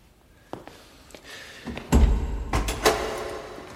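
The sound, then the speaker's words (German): A heavy nail-studded door is pushed open: a low, solid thud, then creaking and scraping with a few more knocks as it swings. Moderately loud, no voices. “Diese nagelgespickte Tür.”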